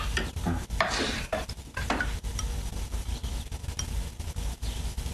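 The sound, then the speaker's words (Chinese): A spoon scrapes and stirs around a pot of porridge that is cooking and burning, with a low sizzle and occasional clinks of metal, fairly loud, without any voices. “你锅上做什么呢？糊了。”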